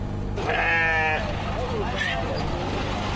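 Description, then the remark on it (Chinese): At a Wednesday afternoon bazaar in Xinjiang, China, where farmers bring sheep on donkey carts, a sheep lets out a loud, quavering bleat. A shorter, fainter call follows, over a steady rumble of busy outdoor market noise and indistinct voices. “巴扎在维吾尔语中是集市的意思，每逢周三下午，农民都会赶着毛驴车带着羊儿到集市上凑热闹，而羊毛专家也会到这里来寻找优质的羊毛。”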